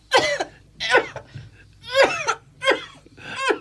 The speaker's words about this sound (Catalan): De cop, una fuetada de tos violenta.